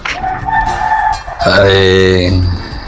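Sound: rooster crowing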